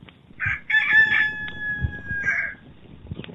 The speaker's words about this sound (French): À cet instant, un cri retentit dans la lueur du matin. Le chant d'un coq.